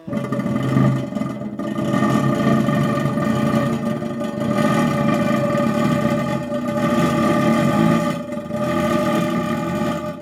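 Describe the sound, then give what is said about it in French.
A crackler (Crépitateur) noise-intoner, one of Luigi Russolo's intonarumori, churns out a steady, dense, engine-like rasping drone with a buzzing pitched hum running through it, holding loud and even for about ten seconds with brief dips. “Alors le dernier s'appelle Crépitateur.”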